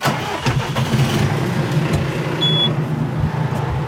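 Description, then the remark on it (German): A tractor's diesel engine, hitched to a trailer with four large water tanks, cranks and catches, then settles into a steady, throbbing low rumble, running continuously with no voices. “Der Traktor und ein Anhänger mit 4 großen Wassertanks ist parat.”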